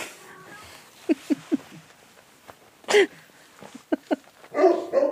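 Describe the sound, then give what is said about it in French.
A dog barks in short bursts, a quick run of three yaps followed by louder, sharper barks and a longer yelping flurry at the end, with no talking. “Toujours écouter ces chiens.”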